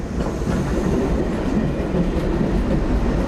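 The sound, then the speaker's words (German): An S-Bahn suburban commuter train heading to a lake rumbles steadily along the rails, a dense low-frequency roar with faint rhythmic clatter that stays loud and constant throughout, with no voices. “Wir fahren zum See. Mit der S-Bahn.”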